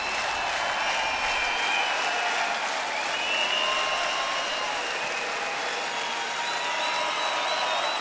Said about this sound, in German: Schön, ich will den Applaus noch ein bisschen laufen lassen, weil ja, spiegelt so ein bisschen meine innerliche Stimmung wieder.